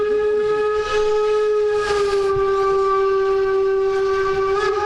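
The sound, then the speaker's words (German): A locomotive horn blares in one long, steady, loud blast, sustained throughout, over the low rumble of the locomotive rolling past on a chilly day. “Da kommt die Lok wieder mit unseren Jacken. Jetzt fährt er durch, hupt noch mal”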